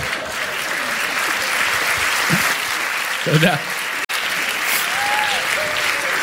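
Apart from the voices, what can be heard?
audience applause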